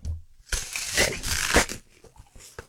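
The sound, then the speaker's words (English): A loud crunch of someone biting into a crisp Fizz apple, a dense crackling burst lasting about a second, followed by quieter chewing clicks and a small final snap. “If you appreciate a good apple crunch, then how does this rate?”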